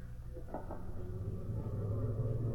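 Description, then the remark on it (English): A car engine rumbles low and steady, growing gradually louder as the car approaches from the factory, with no voices heard. “There go car now from the factory, Mr.”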